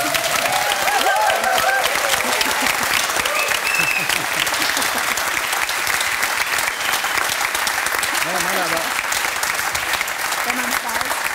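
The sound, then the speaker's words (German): An audience applauds steadily and loudly for about eleven seconds, a dense, even wash of many hands clapping, with faint voices mixed into the crowd noise. “Ich will auch rauskommen und alle klatschen und lieben mich.”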